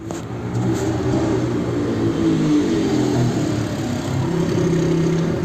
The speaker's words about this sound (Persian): فردای اون روز منتظر آژانس بودیم که ناگهان یه موتوری به ما نزدیک شد.